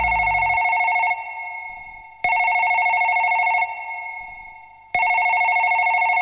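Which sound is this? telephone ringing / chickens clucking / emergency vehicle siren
telephone ringing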